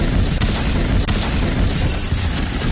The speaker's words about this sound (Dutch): Op de Claudius Prinsenlaan zijn drie auto's op elkaar gebotst. Daar hebben we opnames van.